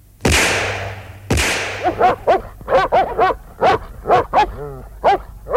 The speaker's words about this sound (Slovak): No vidíš, ani si ich nevšimol. Je to túlavý pes, strieľaj!